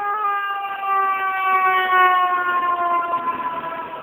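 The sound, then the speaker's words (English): A fire engine siren blares loud, its steady wailing tone sliding gradually lower as the vehicle goes by, with no one talking over it. “Here comes a fire engine.”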